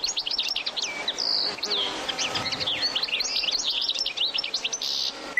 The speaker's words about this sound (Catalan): En aquest capítol heu escoltat el cant d'aquests ocells. Cadernera. Carduelis carduelis. Au resident tot l'any als camps i zones de conreu.